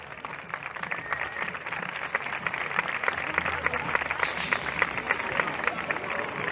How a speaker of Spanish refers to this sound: ¡Nos lo piden! ¡Se lo damos! ¡Esas palmas!